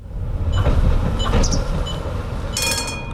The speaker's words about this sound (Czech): Do vlakové zastávky Dětěnice přijela modrá souprava, i když je na regionální železniční trati na první pohled připomíná spíše tramvaj.